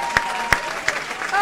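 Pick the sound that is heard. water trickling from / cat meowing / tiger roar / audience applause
audience applause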